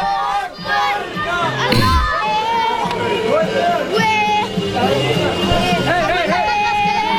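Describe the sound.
A crowd of Palestinian children screaming and celebrating in the street after the 9/11 attacks, many overlapping high-pitched voices in continuous loud excitement, with chanting-like cries rising and falling throughout.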